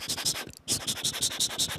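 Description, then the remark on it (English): A pencil writing on paper scratches rapidly in quick, rhythmic strokes, with a brief pause partway through before the steady scribbling resumes, clear. “So what I can think of firstly is, like the writing sounds, like using pencil on like paper.”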